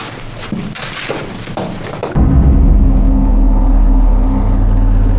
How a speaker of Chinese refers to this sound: 天海，听听，这小鬼子飞机又来了。 小蒋，一天来好几趟。